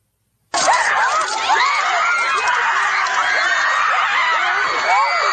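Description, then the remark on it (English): A large crowd of high school students screams and howls at a frenzied, sustained pitch, many overlapping voices shrieking and yelling together, loud, with no pause after an abrupt start. “Howling for blood, screaming in hatred.”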